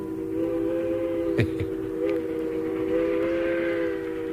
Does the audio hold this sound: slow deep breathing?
no